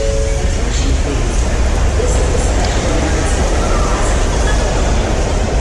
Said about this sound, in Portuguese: E depois de três proveitosos dias, nós arrumamos as malas e partimos para a Union Station, a segunda estação de trem mais movimentada da América.